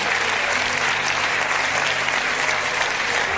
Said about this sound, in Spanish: ¡Aleluya! Vamos a dar un aplauso a Dios.